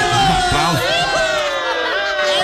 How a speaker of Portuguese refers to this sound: Os aplausos para compadre Ramon, lá de Guarambi, que hoje tá fazendo data nova.